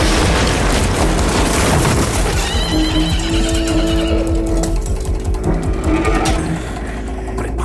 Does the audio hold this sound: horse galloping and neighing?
yes